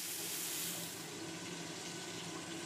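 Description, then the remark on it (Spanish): Water in which cod was cooked pours steadily into a hot pan of frying semolina, a continuous rushing hiss with a sizzling edge that eases slightly after the first second. Fairly loud, no voices. “Sofreímos la sémola y vamos añadiendo el agua donde cocimos el bacalao para los buñuelos.”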